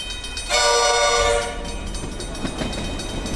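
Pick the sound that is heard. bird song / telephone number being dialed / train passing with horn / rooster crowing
train passing with horn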